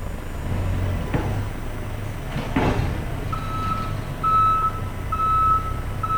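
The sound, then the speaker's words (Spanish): A backhoe's reversing alarm sounds a series of steady, high-pitched beeps over a low, constant diesel engine rumble, after a couple of brief knocks earlier on, during earth extraction and filling work. “Extracción de tierra y relleno con servicio de retro y mini pala.”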